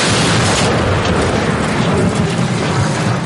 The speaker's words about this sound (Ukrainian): Попри так звану війну дронів, артилеристи і далі лишаються богами війни. Їхній снаряд і більше шкоди може завдати, та й погода не надто впливає на їхню роботу. Увага! Постріл!